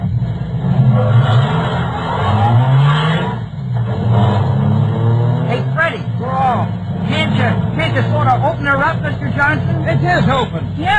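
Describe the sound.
A car engine roars and accelerates steadily from the start of a race, its low drone running throughout while a crowd cheers and voices chatter excitedly over it.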